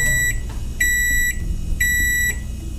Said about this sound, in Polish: A teraz ręka w górę ci, którzy otwierają mikrofalówkę, zanim wydobędzie się z niej ten dźwięk.